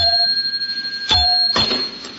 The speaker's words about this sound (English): Some desk bell. Falls to pieces when you touch it.